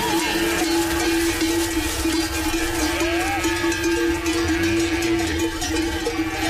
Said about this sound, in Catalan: Esquelles. Això, esquelles d'Obeix.